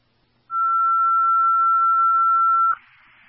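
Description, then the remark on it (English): A single loud, steady electronic tone holds for about two seconds, then cuts off into a brief burst of radio hiss: fire dispatch alert tones over a scanner for Cooks, which dispatch then tells to disregard the tones. “Disregard the tones, Cooks.”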